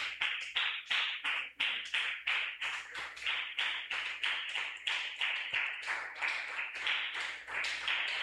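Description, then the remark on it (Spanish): In the evening, a crowd gives a strong round of applause to the Lord Jesus, clapping steadily. Sharp, overlapping hand claps form a fairly regular, rhythmic pulse of applause that stays strong throughout, with no voices on top. “Demos un fuerte aplauso al Señor Jesús en esta noche.”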